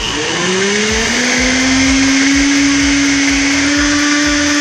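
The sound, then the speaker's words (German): A kitchen blender whirs loudly and steadily, its motor pitch rising as it spins up, with a rough chopping rumble underneath; no one speaks. “Also nicht ein Quirl, sondern ein Mixer ist. Da wo man die Sachen zerkleinern kann für Suppen oder Soßen, damit keine größeren Stücke mehr drin sind.”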